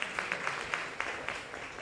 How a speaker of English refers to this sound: All right, there's a lady coming. A round of applause for her. Let's clap for her.